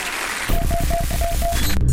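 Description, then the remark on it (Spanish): A loud burst of applause on Alternativa FM radio breaks out after a brief quiet moment, dense and continuous, with a faint repeating tone running through it. “aplauso fuerte”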